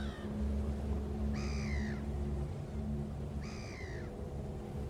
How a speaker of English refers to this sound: The deep laughing cry of the great black-backed gull is a haunting call and will send a chill down anyone's spine that dares to listen.